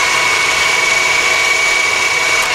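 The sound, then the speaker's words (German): A blender runs at full speed, blending a green smoothie of water, lettuce, spinach and cucumber, with a loud, steady, high-pitched whir and a constant motor hum for a few seconds, no voices. “Dann alles im Mixer.”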